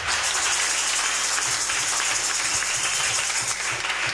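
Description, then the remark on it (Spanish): Steady applause for a priest at a church celebration in honour of the patron saint Virgen del Carmen, a dense wash of many hands clapping at a fairly loud, even level, with a faint low rhythmic thumping underneath. “Un aplauso para él.”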